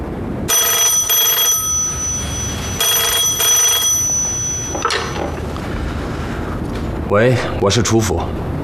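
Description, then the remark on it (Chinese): A telephone at the Chu residence rings twice in long, bright electronic bursts separated by a short pause, fairly loud. Faint rustling follows, and a voice begins speaking near the end; the call is from Commander Cao. “在，我这就把电话给他。”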